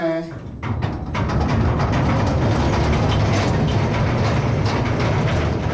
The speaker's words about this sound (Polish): Kolejką pokonujemy dalszych kilkaset metrów w głąb góry.